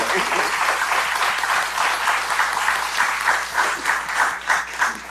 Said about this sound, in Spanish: Eso. Aplauso para